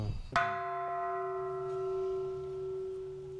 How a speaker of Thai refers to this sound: เขาบอกว่าตีระฆังเหมือนกับเราได้มาถึงที่นี่แล้วนะครับ ใช่ครับ จริงตีได้เยอะนะ ตีได้เยอะ